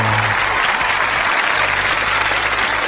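Steady, loud applause from a crowd, a dense wash of clapping that fills the whole stretch without pause, with a faint low hum underneath.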